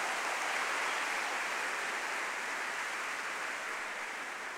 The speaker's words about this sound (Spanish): Así que se merecen otro aplauso. Denle otro aplauso.